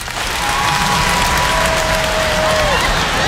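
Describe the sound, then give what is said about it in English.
A crowd bursts into sustained applause, dense and steady clapping for a few seconds, with a faint whistle-like tone gliding through the middle of it; the audience is clapping in answer to being asked whether they think they would go to heaven if the world ended now. “By round of applause, how many of y'all think if the world were to end right now, clap if you think you'd go to heaven?”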